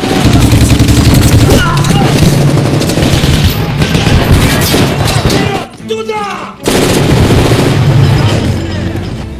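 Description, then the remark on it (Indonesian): Dense battle sounds of the Soviet army's assault on Berlin in April 1945: continuous rattling gunfire and heavy booming explosions fill the scene loudly, with a brief lull in the middle before the barrage resumes, faint voices mixed underneath. “Ledakan demi ledakan hebat mengguncang seisi kota, menghancurkan gedung-gedung megah, dan mengubah Berlin menjadi hamparan puing dalam hitungan jam.”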